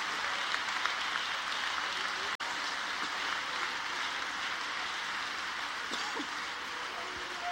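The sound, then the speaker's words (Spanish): An audience applauds steadily, a dense crackle of many hands clapping that sustains for several seconds with no break, at an even level. “Denle ese aplauso, mi Dios santo.”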